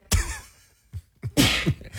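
A loud sneeze erupts suddenly, then after a brief pause a second breathy, hissing burst follows, like another sneeze. No one speaks.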